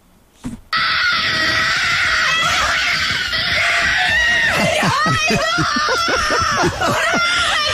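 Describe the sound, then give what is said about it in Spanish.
A woman screams and sobs with overwhelming joy on learning she has been nominated, jumping and hugging the housekeeper, her high, loud voice breaking into sustained shrieks and choked crying that continue for several seconds, intense. “Salta, grita, llora, se abraza con la empleada de la casa.”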